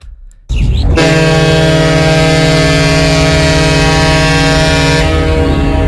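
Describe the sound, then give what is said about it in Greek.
A ship horn sounds one long, loud blast, deep and brassy, holding steady for about five seconds after a brief moment of quieter background noise, imagined as the horn of Onassis's yacht Christina at the pier on Agios Nikolaos. No one speaks. “Το φαντάζεσαι ένα κορνάρι η Χριστίνα του Ωνάση στο μόλο στην Αγίου Νικολάου?”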